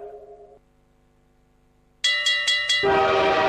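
A train horn sounds in a sustained tone, fades, then blasts again in several sharp bursts before giving way to the loud, steady rumble of a train rolling past.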